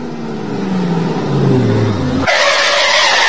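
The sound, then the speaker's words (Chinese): A car with faulty brakes and cracked brake pads: the engine whines with a falling pitch as the vehicle brakes hard, then tires let out a loud, sustained screeching skid. “师傅，车子刹不稳，您帮看看什么问题啊？”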